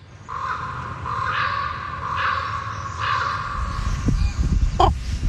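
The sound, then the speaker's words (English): A raven croaks four times in a steady series, about a second apart, hoarse, over a low background rumble, followed by a few brief knocks, in Sitka, Alaska. “Every time I hear the croak of a raven, it stops me in my tracks.”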